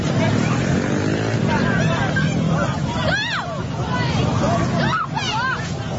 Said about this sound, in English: A clothing brand giveaway has descended into chaos with people run over by trail bikes and the riot squad pepper spraying crowds at a New South Wales skate park.